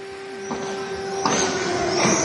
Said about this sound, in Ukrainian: Як можете чути, зараз лунає повітряна тривога.